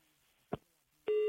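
A short click on the line, a brief pause, then a loud, steady telephone busy tone starts and runs to the end without any speech.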